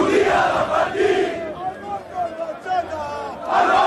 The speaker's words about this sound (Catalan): Milers d'aficionats del Barça han celebrat fins ben entrada la matinada a la plaça Catalunya de Barcelona.